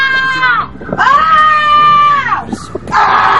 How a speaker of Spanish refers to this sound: Pues yo lo que estoy descontenta es en la Plaza Vieja, que no nos dejan vivir por la tarde a los mayores, con los balones, dando balonazos. A mí hasta me han pegado la cabeza. Los niños con el tacatá, unos chillidos, unos gritos.